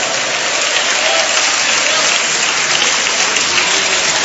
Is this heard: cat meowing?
no